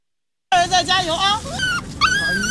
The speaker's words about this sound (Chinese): 小狗摇着尾巴汪汪叫个不停，仿佛也在给即将入场的小主人加油打气。